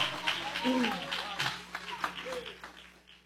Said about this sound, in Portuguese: Pode sentar, meus irmãos, e aplaudir a Jesus.